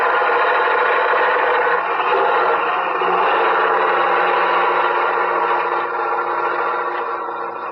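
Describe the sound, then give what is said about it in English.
A truck engine labours uphill across a bridge in a loud, steady, grinding roar that holds for several seconds without pause, easing slightly toward the end. No one speaks. “Watch out for this truck. Yeah, he's pounding to make the hill.”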